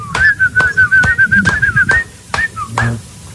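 A person whistles a steady, wavering tune up close for about two seconds while sharp hand claps land roughly every half second, then the whistle trails off into short bits between the claps.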